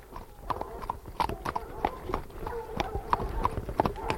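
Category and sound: animal, horse hooves clip-clopping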